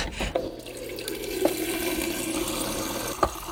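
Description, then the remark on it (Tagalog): Water runs steadily from a tap into a glass, a continuous rushing stream with a rising fill tone and a couple of soft clinks, moderately loud, no talking. “Kukuha lang ako ng tubig.”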